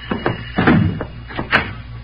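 Several sharp, solid knocks on an unlocked door in an uneven pattern over about two seconds, moderately loud, with no voices.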